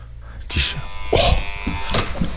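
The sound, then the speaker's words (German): A doorbell buzzer at a private home, rung once by a visiting radio reporter, sounds in a single steady, harsh electric drone lasting a couple of seconds, fairly loud, with brief bursts of someone talking over it. “Jetzt nur einmal geklingelt.”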